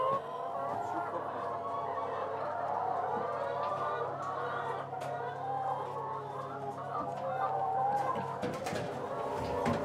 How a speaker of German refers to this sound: Auf einer Wiese in Holtland steht sein mobiler Hühnerstall. 300 Freilandhühner legen dort jeden Tag etwa 270 Eier